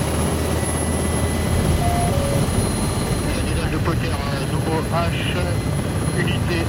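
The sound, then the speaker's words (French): A military Tigre attack helicopter roars loudly and steadily as it takes off over rapeseed fields in Haute-Marne, France, hovering, then accelerating sharply into a tight turn. Its rotor and engine noise fills the whole clip, with a voice briefly audible underneath the din. “décollage au-dessus des champs de colza de la Haute-Marne.”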